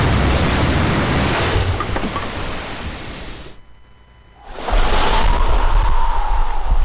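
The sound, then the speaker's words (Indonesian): Loud, dense roaring of ocean surf crashing as waves smash a boat apart, with a brief lull in the middle before another heavy wave surges back in at full force. “Perahu itu akhirnya pecah diterjang ombak.”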